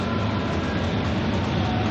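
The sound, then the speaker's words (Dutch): Football fans sing positive songs and chant in the stands of the Planet Group Arena, a dense, steady wall of massed voices with no pauses, loud and continuous throughout. “zijn het nu de wat positievere gezangen in de tribunes van de Planet Group Arena.”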